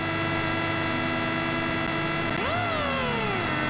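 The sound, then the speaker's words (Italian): The engine of a Citroen DS3 Rally2 car, heard from on board as it is ready to start, idles with a steady buzzing drone, then revs sharply up to the rev limiter and slowly winds back down, its harmonic whine rising and falling in pitch. No one speaks. “Possiamo anche alzare a palla il volume, sentire il motore che arriva al limitatore di questa bella Citroen DS3 di Rally 2.”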